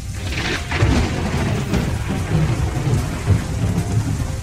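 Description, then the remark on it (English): Steady heavy rain hisses across the whole stretch while deep, rolling thunder rumbles low and continuous underneath, swelling slightly now and then. A thick, humid, dark storm in Melbourne at about 6 p.m. No voices. “Thick, humid, dark storm.”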